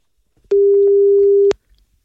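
A single telephone ringing tone as Radio Ognjišče calls a listener: one steady, loud, mid-low hum lasting about a second, starting and stopping with soft clicks, then silence. No one speaks.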